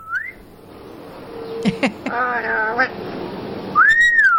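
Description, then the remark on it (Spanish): A phone alarm plays a parrot's whistling: a short rising whistle, a few sharp chirps, a buzzy warbling call, then a loud arching whistle at the end. “Mi alarma está en modo albirroque con el lorito.”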